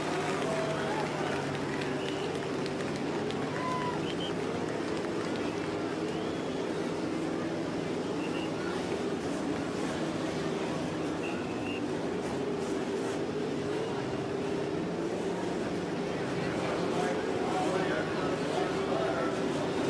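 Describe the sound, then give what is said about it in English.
A field of race car engines, 11 rows of three, rumbles to life together on the main stretch at the Indianapolis Motor Speedway at the command to start engines, forming a loud, steady, layered drone with low tones that holds throughout. “The engines are started on the main stretch at Indianapolis.”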